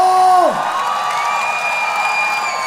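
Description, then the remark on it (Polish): A concert crowd applauds and cheers in a steady, loud wash of clapping and shouts, right after a held musical note slides down and fades away. “Wielkie brawa, dziękuję wam bardzo!”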